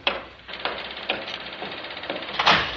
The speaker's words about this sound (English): Sorry to keep knocking, but I knew you were here.